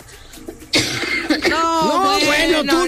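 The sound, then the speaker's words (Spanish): A sudden, harsh cough bursts out, followed by a few seconds of rough, voiced throat clearing and hacking that stays loud to the end. “Probadora de jarabes para la tos. Aparte, tápate o algo. Nos vas a contagiar aquí, hija.”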